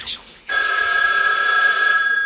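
A telephone rings with a steady, bright electronic tone that holds for nearly two seconds, loud and unbroken, after a couple of brief soft chirps. An answering machine then picks up with a greeting for Muriel Robin's home.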